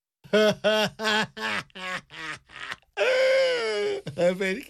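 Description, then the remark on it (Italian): The character Crude sobs in a string of rapid, choppy voiced bursts, then lets out a long, loud wail before breaking into a few more sobs. “Crude piange e questa è sempre una cosa buona.”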